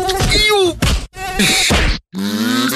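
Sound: mosquito buzzing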